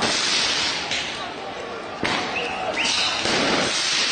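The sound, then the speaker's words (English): A tear gas canister hurled by police towards demonstrators bursts with one sharp bang on the streets of Paris, France, during protests over the state of the country's schools, over a constant roar of crowd noise, followed by shrill whistles, and the hubbub continues afterward. “That's the sound of an exploding tear gas canister that was hurled by police towards demonstrators as they let off fireworks on the streets of Paris.”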